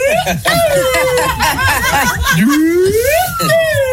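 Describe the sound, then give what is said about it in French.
A small pipe whistle, a little flute (pipeau), plays a wavering tone that dips low, then glides back up, over a background of people chattering and laughing. “Mec, c'est une flûte, ça. Ah oui, c'est un petit pipeau, là.”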